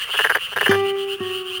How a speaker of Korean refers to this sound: 여름철 농촌의 논에서 흔히 들리는 소리, 끄르르륵 끄르르륵. 이 참개구리의 소리는 대부분 수컷이 암컷을 부르는 노래입니다. 그런데 최근에는 암컷도 소리를 낸다는 사실이 알려졌는데요.